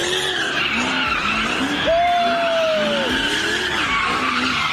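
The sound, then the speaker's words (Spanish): A car spins street donuts, driven by a group of young people as a police officer tries to stop them, its tires skidding in a continuous loud squeal that rises and falls in wavering arcs, with a sharp high-pitched screech standing out midway over the engine roar. “Así fue como un grupo de jovencitos se burló de este policía que intentó ponerle un alto a las donitas callejeras.”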